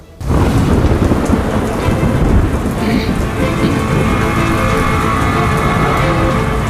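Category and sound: nature, heavy rain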